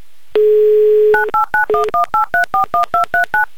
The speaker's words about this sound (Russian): Набран номер телефона Андрея. Звоним в Санкт-Петербург.